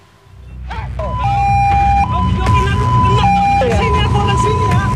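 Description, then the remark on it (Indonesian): An ambulance siren wails in a steady two-tone hi-lo pattern, loud, over a rumble of traffic and muffled voices in the street, as a motorcyclist blocks the ambulance on Jalan Muhammad Nohel, Sukma Jaya, Depok, West Java, on a Sunday afternoon. “Rekaman video amatir memperlihatkan detik-detik pengadangan mobil ambulans di Jalan Muhammad Nohel, Sukma Jaya Depok, Jawa Barat pada Minggu sore.”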